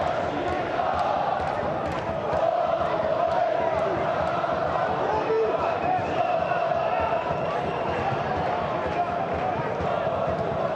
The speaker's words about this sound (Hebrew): נראה שבאר שבע, תצוגת עידוד אדירה, אמנם זה רק 1,500, אבל שנותנים את הלב והנשמה.